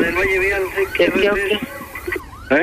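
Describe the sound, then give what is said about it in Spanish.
A police car siren wails loudly in wavering, rising and falling sweeps as police pull over a driver coming from a party, with voices mixed in underneath, before cutting off and briefly starting again. “Es que yo andaba en la fiesta y pues valió madre, o sea, pues hubo un pedo. Me atoraron la policía.”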